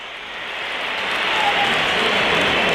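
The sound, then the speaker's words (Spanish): A large stadium crowd at a Real Madrid football match whistles and jeers in disapproval at Chomení as he is substituted off, a dense, hissing wall of noise that swells steadily louder over a few seconds, with no distinct voices standing out. “Pitos para Chomení.”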